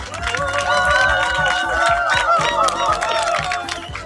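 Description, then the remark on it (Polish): A crowd gathered at the Zalew Koronowski reservoir applauds steadily for about four seconds, a dense, loud patter of many hands clapping, mixed with cheering and a murmur of voices. “Jeszcze raz wielkie brawa dla wszystkich, którzy się pojawili tutaj.”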